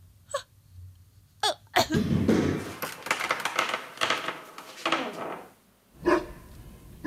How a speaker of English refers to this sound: Yes, catch the bone, catch cutie. Oh, you are such a good dog. Yes, attaboy.